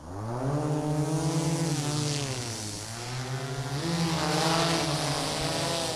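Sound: drone taking off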